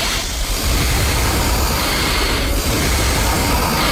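Three people breathe loudly together at once in a steady, rushing hiss that stays even in volume for the whole stretch, a dense airy noise with no talking over it.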